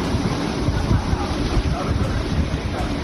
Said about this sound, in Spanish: Es el sonido de hace tan solo unos minutos en Alsira, donde ya llueve con fuerza.